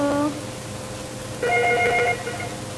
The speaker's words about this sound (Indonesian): Sudah ada telepon lagi kah